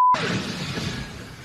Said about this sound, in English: This is the moment that the flight actually lost control. You can see it crashing into vehicles on the ground. The plane was going nearly 130 miles per hour when it left the runway.